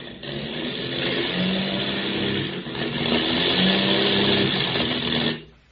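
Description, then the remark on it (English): A failing airplane engine with motor trouble, flying out over the Indian Ocean, drones loudly with a wavering low hum, falters briefly midway, surges again, then abruptly cuts out near the end. No one speaks. “Hear that, Skip? We've got motor trouble.”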